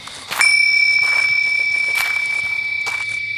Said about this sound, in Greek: Τα ακούσαμε όλοι αυτό, έτσι? Ναι! Ναι. Πώς γίνεται να χτύπησε κουδουνάκι? Πώς είναι δυνατόν?